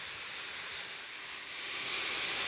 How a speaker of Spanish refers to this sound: Incluso usan una aspiradora.